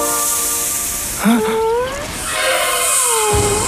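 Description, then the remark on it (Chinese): A steady, loud snake-like hiss runs through the whole moment, joined by sliding whistly tones that rise and fall, with no one speaking. “是蛇，是蛇！”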